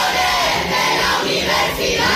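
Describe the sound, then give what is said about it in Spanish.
Students of Pablo de Olavide University in Seville protest during the universities minister's speech at the opening of the academic year. The large crowd shouts slogans for public universities and demands more funding in loud, sustained, dense chanting with rhythmic swells. No single clear voice stands out. “Gritaban consignas en favor de la universidad pública y exigían una mayor financiación para el centro.”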